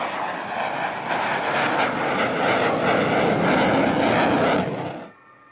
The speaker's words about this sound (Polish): A tak brzmi startujący samolot F-16.